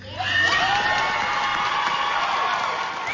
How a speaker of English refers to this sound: They earned every bit of that applause.